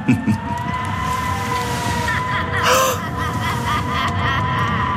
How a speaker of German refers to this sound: Was war das? Was soll es schon gewesen sein? Der Wind fängt sich im Rauchfang. Keine Hexe jagt auf dem Besenstiel den Kamin hinab.